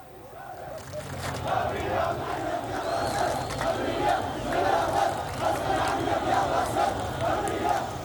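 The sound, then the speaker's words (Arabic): Demonstrators in the Ghuwayran neighbourhood of Al-Hasakah, Syria, chant slogans in unison calling for the state and its institutions to extend sovereignty, a loud, steady roar of many voices with rhythmic swells that carries on throughout without a break. “ردد المتظاهرون هتافات تدعو إلى بسط سيادة الدولة ومؤسساتها بما يضمن الأمن والاستقرار لجميع السكان.”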